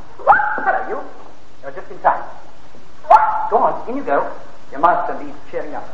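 A dog barks in short, irregular bursts, around half a dozen sharp woofs over several seconds, moderately loud, with brief pauses between them.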